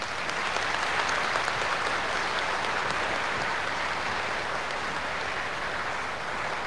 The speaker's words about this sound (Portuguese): E acolhemos para essa Eucaristia a pastoral carcerária e também a comunidade Mãe Augusta do Socorro, que nos ajudam nesta Eucaristia. Vamos acolher com uma forte salva de palmas.